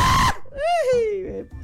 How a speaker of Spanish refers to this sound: Eso es un grito salvaje, eso es un grito.